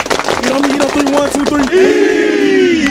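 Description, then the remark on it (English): The Kings Mountain High School football team claps together in a quick, steady rhythm while voices shout along, ending in a loud, sustained collective yell. Energetic, like a team huddle. “Everybody clap it up.”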